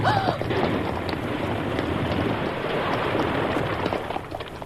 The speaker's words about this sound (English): Did you see that? An explosion. It blew the top of the rock all to smithereens.